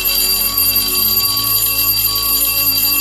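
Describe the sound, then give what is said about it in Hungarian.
A sustained, bright radio gong chime signal rings steadily for a few seconds, its layered bell-like overtones holding without fading, clear and fairly loud with no voices; it is the signal for sending messages. “Ez volt a jeladás az üzenetküldéshez.”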